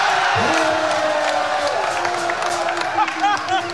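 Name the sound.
stadium crowd cheering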